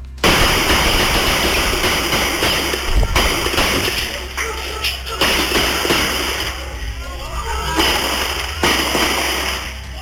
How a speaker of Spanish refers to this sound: Ahí pudimos escuchar entonces los diferentes disparos provenientes desde un vehículo. Hay que indicar que se desconoce la cantidad de armas que fueron utilizadas tras esta balacera